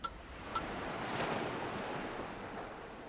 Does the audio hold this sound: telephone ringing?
no